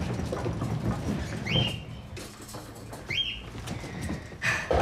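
A pet cockatiel named Priscilla gives two short, rising whistled chirps about a second and a half apart, set against a steady background of rustling and low rumbling noise.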